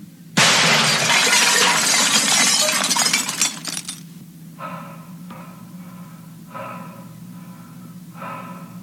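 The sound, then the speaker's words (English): A loud, sustained crash of a bathroom mirror shattering as someone breaks through it rolls on for about three seconds, then gives way to four quieter, brief ringing bursts spaced out over a low steady hum. “She must have broken through the bathroom mirror.”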